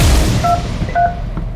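Two short touch-tone beeps of a phone number being dialed, about half a second apart, sitting over a loud, constant low rumbling noise.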